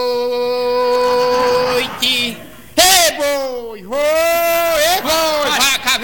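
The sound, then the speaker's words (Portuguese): A person imitates an ox mooing during a song, with several long, drawn-out, nasal lowing calls, loud, the pitch sliding and wavering between calls. “Nessa música não tem boi não, coronel. Mas o boi é meu, eu boto onde eu quiser.”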